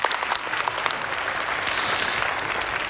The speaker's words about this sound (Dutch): Applaus.